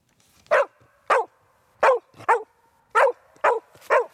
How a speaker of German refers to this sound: ist ein typischer Hütehund und beim Losgehen bellt sie aufgeregt, um die Herde anzutreiben. Die Herde, das bin meistens ich.